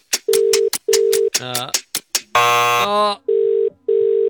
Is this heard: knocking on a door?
no